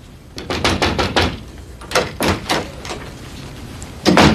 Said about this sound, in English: Then one day, Abe knocked on my door.